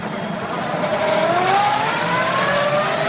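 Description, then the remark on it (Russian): A car drives past on its way into the port, its engine revving and rising in pitch over a steady wash of loud road noise, with no voices. “цепляется за машину, проезжающую в порт.”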